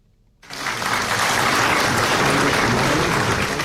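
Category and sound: crowd, warm applause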